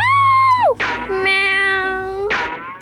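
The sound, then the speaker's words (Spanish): Two cats, a white one and a black one, meow loudly as they run away, in two drawn-out calls, the first sliding down at its end, each followed by a short rough burst, with no talking. “Y antes de que pase algo, los gatos huyen.”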